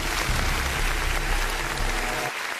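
A crowd applauds steadily for the number one entry of a countdown, dense clapping filling the whole stretch at a fairly loud, even level before easing slightly at the end. No one speaks over it.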